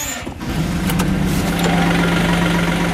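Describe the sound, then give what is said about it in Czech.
A small diesel farm loader, used to feed young bulls, cranks briefly, catches, and settles into a steady, loud rumbling idle, with a low droning hum throughout and no talking. “Tak já teďka se dám do kuňska našeho, kterým budu krmit naše byčky, nastartujem.”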